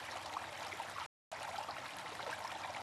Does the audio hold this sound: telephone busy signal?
no